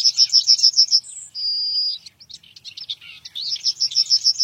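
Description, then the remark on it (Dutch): A yellowhammer sings near the Beethoven Museum in Vienna, heard during a walk: a rapid series of repeated high, thin notes, a brief sustained note, scattered chirps, then another fast run of repeated notes, with no voices. “En tijdens een wandeling in de buurt van het museum hoort de verslaggever die geelgors.”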